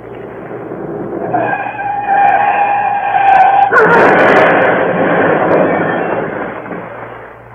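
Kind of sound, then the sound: vehicle, car speeding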